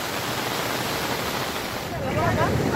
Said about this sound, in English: Heavy rains have wreaked havoc in Rajouri district of Jammu and Kashmir. Flash floods triggered by heavy rainfall has caused massive damage in Bela colony. Vehicles have been swept away by floodwaters